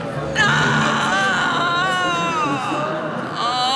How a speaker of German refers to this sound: Ein schauerlicher, klagender Schrei ertönte, für den sich keine Erklärung fand.